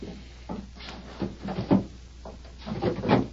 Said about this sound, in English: look in that chest over there and bring me the small cardboard box that's in the top drawer.